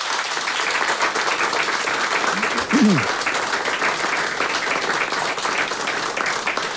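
A crowd at a concert applauds the accordion players steadily for several seconds, a dense, even wash of clapping that never lets up, with a short vocal whoop rising briefly above it partway through.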